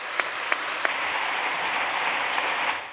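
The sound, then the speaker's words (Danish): Steady applause from a group at a political party's annual meeting, approving the election of a new deputy chair: a dense crackle of many hands clapping at moderate loudness, with a few sharper claps standing out early on, then tapering slightly at the end. “Jeg tager klapsalverne som udtryk for, at jeg godt kan konstatere, at I forvalt har valgt Christina som næstformand.”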